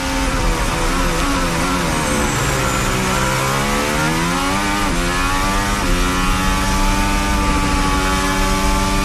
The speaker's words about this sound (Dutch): Dit is het onboordgeluid vanaf de RB22 in handen van Verstappen.